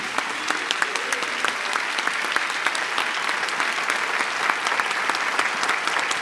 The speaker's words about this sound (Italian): E se è stata una serata piacevole, chiedo gentilmente a questo meraviglioso pubblico di fare a questi ragazzi un grande, grandissimo applauso.